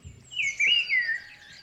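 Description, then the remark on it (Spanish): A person whistles an imitation of birds chirping, a bright warbling tone that rises and falls over about a second, moderately loud with no talking. “Uy, qué bien imitas a los pájaros, tío.”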